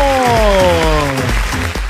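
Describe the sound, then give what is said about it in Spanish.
A loud, continuous burst of audience applause in the booth of radio station La Suavecita 105.9, with a sustained tone sliding steadily downward in pitch over the clapping for about two seconds. “¡Fuerte el aplauso!”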